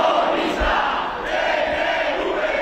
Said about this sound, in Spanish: Gritos y proclamas contra el gobierno vasco. ¡Asesinos a sueldo! ¡Uso de poder! Y contra los Ertzainas, a los que han acusado de ser cómplices del sionismo.